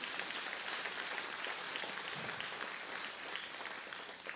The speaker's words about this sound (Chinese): 哈利路亚，你若是想拍手就把掌声归给神好吗？